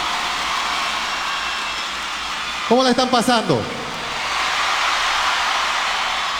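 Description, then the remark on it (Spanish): Steady, even hiss of rain falling at an outdoor concert at night fills the whole recording, with a voice briefly addressing the crowd over it midway through. “Esa lluvia es de bendición, no se preocupen.”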